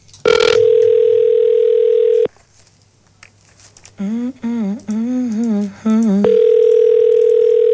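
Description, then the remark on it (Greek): A steady telephone ringback tone of an outgoing call sounds loud for about two seconds, pauses while someone talks briefly, then the same long tone resumes. “Χτυπάει.”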